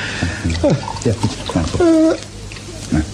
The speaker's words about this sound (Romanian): stropește, mă rog, uite cu o leacă de apă, că nu mai pot să beau.